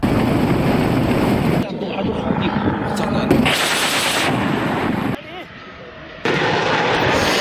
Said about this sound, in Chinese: 我身后直十双机编队正在对海上目标进行火力打击，这非常考验飞行员在复杂的海况条件下对目标的锁定和飞行操控的能力。